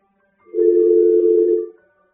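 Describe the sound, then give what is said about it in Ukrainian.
A single steady telephone line tone during a failed attempt to take a call, a low even hum lasting just over a second at moderate loudness, cutting in and out cleanly with no voices around it. “А ми спробували прийняти телефонний дзвінок, чомусь не виходить сьогодні.”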